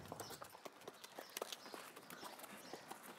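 Steady clip-clop of the hooves of a horse being led at an unhurried walk, a series of fairly quiet knocks in a loose rhythm with light background noise and no talking.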